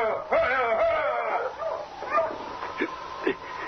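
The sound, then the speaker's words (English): Sled dogs whine and yelp in high, wavering cries, followed by a few sharp, spaced barks, moderately loud over a low background rumble. “Those dogs”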